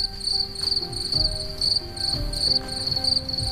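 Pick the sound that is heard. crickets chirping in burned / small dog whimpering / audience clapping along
crickets chirping in burned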